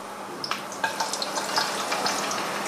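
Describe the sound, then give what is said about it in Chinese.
Ginger and garlic stir-fried in hot oil until fragrant, while making the seasoning base for cold-eaten rabbit: a steady, hissing sizzle at an even level, with scattered sharp crackles and pops throughout. No one speaks. “姜蒜下锅，炒出香味儿。”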